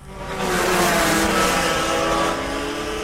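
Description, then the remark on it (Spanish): Rotax racing kart engines, of two- and four-stroke categories, rev loudly and steadily for about three seconds at a karting race in Charata, a buzzing, high-pitched mechanical whine that swells in quickly, holds strong, then eases slightly near the end. “Hoy y mañana, karting en Charata. Se corre la cuarta fecha del RMC Rotax. Categorías de 2 y 4 tiempos.”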